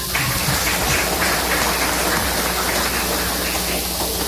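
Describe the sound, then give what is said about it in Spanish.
An audience applauds in a dense, steady wash of clapping that stays evenly loud for about four seconds, with no voices heard over it. “Haz un aplauso, Jaushel Dios.”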